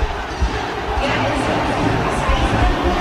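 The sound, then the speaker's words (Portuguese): A large stadium crowd of Botafogo supporters at a football match roars and shouts continuously, a dense wash of many voices at steady, fairly loud volume with no single speaker standing out. “Tentando entender o grito da galera.”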